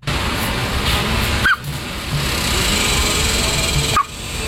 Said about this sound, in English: That is a duck. A duck with hiccups. I didn't even know they could get them.